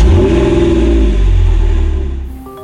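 A car engine revs up and accelerates, a loud roar that swells over a couple of seconds before easing off slightly at the end, with no voices.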